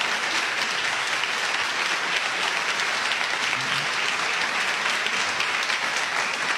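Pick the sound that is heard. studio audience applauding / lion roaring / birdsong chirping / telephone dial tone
studio audience applauding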